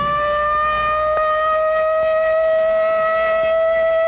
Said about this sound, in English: Only in practice now, a rehearsal, a training exercise. But tomorrow, this siren may mean the real thing. And if you hear it, as you drive in your auto, as you sit in your office, or work at your bench, wherever you are, what will you do?